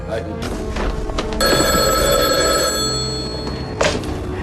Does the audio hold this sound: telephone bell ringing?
yes